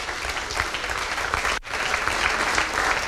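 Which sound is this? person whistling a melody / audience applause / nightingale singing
audience applause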